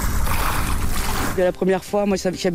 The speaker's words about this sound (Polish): Jedna z głównych atrakcji Evian, Jezioro Genewskie, również została objęta szczególnymi środkami bezpieczeństwa. Patroluje je około 30 policyjnych łodzi wyposażonych w systemy antydronowe.